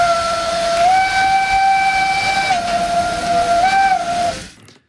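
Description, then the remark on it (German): A loud, sustained steam locomotive whistle on the Furka steam railway sounds for about four seconds, its pitch wavering slightly, over a broad bed of hissing steam, then cuts off abruptly. “Der Beitrag von Marc Zimmermann über die Freiwilligen bei der Dampfbahn Furka haben wir gehört”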